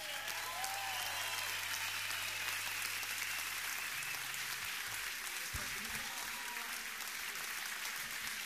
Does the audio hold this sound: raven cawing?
no